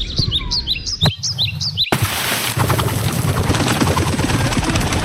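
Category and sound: bird, birds chirping and singing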